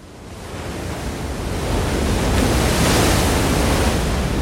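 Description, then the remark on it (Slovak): A broad, roaring wash of surf builds over a few seconds and then holds steady and loud, like a large wave breaking against the rocks in front of a cave and spilling water across a narrow path, with no voices. “Zrazu sa ozval mohutný hukot. Jedna z vln narazila do skál pred jaskyňou a voda sa rozliala po úzkom chodníku, ktorý viedol von.”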